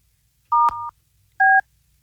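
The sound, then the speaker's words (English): Two touch-tone telephone dialing beeps from a call being placed to the company Two Clean Whips in Pinellas County, each a steady, fairly loud electronic two-note tone; the first is longer and broken by a sharp click, the second is short. No one speaks. “If you're just joining us, we're trying to call the kids with the company who had a gun pulled out of them in Pinellas County.”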